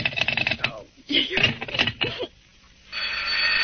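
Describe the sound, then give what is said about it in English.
An old-style telephone bell rings in rapid, rattling bursts, loud, with a brief stretch of voice-like sound in the middle before a steady hiss takes over. “Hello, stop ringing me, do you hear?”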